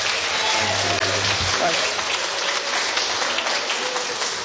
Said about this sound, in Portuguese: Então vamos se colocar de pé. Vamos receber o servo do Senhor com alegria, com palmas para Cristo. Bem alegre as palmas para o Senhor.